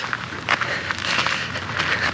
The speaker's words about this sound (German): In der folgenden Nacht hatte ich den Hof fast schon verlassen, als ich plötzlich Schritte hinter mir hörte.